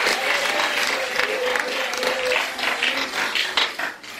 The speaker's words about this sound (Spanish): Con ese aplauso y alabanza al Señor.